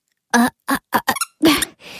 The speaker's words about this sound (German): Oh Mann, was quietscht denn hier so